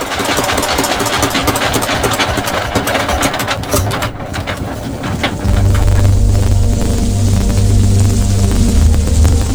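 A fishing boat's motor chugs steadily, then about halfway through settles into a deeper, louder, even drone as the boat eases in toward shore toward evening, in the waters off Cirebon, Indonesia. No voices.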